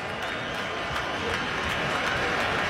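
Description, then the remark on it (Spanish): A baseball crowd applauds steadily, calling for a strikeout as pitcher Bednar faces batter Junior Caminero; a dense wash of clapping and crowd noise that holds at an even level throughout, with a faint murmur of voices mixed in. “El público empieza a aplaudir, pide el ponche.”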